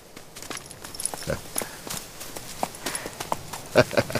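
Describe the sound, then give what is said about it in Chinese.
Donkey hooves clip-clop across the ground in an uneven series of sharp steps as the donkey is taken down a slope to be fed, with a couple of louder knocks near the end. “主子，去坡下喂喂驴去。”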